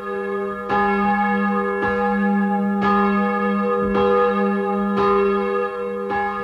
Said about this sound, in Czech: Hlahol Márie a Bartolomeja, ktoré rozhojdala zvonárka Anna Oravcová, sa z drevenej zvonice pri kostole svätého Juraja rozlieha 46 rokov. A smeruje i na západ, do Husovic pri Brne.